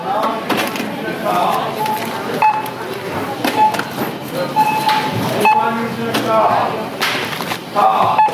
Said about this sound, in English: So now I'm at the self-checkout. Let's see if I can talk through this. I'm not going to be able to, but you can hear the beeps.